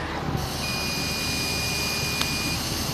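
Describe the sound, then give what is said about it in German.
Someone blows steadily into a breathalyzer, a breathy rushing hiss, while the device sounds one long, steady high-pitched beep lasting about two seconds. It is fairly loud, with no talking. “Ich habe eben so ein Gerät und puste einfach mal rein, weil, ich hatte gestern vielleicht auch das ein oder andere Bierchen, deswegen puste ich jetzt auch mal rein.”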